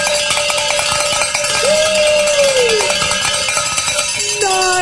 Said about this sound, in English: Let's say the Share-a-thon bell ringing celebration prayer